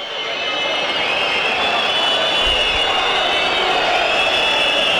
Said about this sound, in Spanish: Silbido para la aparición de San Lorenzo en cancha.